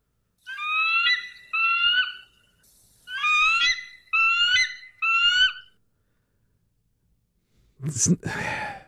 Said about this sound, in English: And I figured, why don't we get the screech of an American bald eagle? And then I heard said screech of the American bald eagle, and it's not what I thought it was going to be. It's, well, here's what it sounds like.